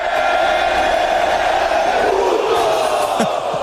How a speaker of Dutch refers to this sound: Want dat puto, dat heeft Mexico al heel wat geld gekost. Want dat roepen ze in het stadion dus ook als de keeper van de tegenstander de bal uittrapt. Puto! Ja, en dat mag dus niet van de FIFA.